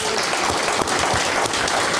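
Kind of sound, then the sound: crowd, studio audience applause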